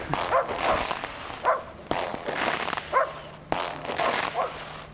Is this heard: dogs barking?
yes